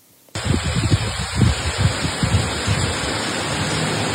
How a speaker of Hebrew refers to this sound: אז הגשם עליו הוא מדבר זה בעיקר כמה טיפות, אז במרכז באמת היו גשמים מקומיים, בצפון הם הורגשו הרבה יותר, בחרמיאל זה נשמע כך.